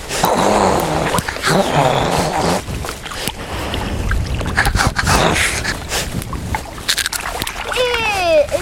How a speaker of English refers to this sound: It's an otter. Come back, come back.